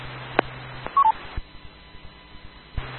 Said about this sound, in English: somebody has a beep on their signal